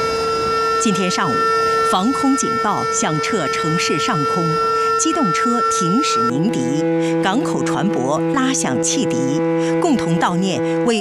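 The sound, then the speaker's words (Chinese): A steady, droning air raid siren wails continuously across Shenyang, sounded citywide to mark the anniversary of the September 18 Incident, with long, sustained horns of stopped motor vehicles blaring together underneath, while a person talks over the top throughout. “今天上午，防空警报响彻城市上空，机动车停驶鸣笛，港口船舶拉响汽笛，共同悼念为中华民族独立和人民解放而英勇献身的革命先烈，缅怀罹难同胞。”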